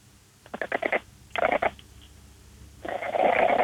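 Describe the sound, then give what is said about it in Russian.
An ill Exotic cat named Lady Vata, a breed with a very flattened face, gives a hoarse, sickly meow in three raspy, breathy bursts: a quick stuttering run of pulses, a short harsh rasp, then a longer wheezing cry. Fairly loud, with no talking. “Это она так приболевшая мяукает.”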